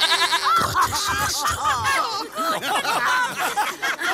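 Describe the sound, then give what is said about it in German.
A goat bleats several times in wavering cries, mixed into a dense, lively crowd of voices laughing and calling out, loud throughout. “Die Ziege lebe hoch!”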